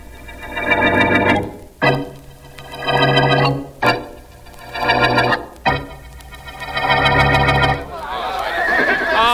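Horses neigh loudly, four long whinnies in quick succession, each about two seconds, followed by a rougher, noisier snorting whinny at the end.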